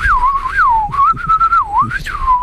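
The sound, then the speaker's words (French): A person whistles an imitation of a blackbird's song: one continuous, wavering mid-pitched line that swoops up and down in smooth curves for about two seconds, fairly loud, with no talking. “Alors, moi, faire le chant du merle, ça va être difficile.”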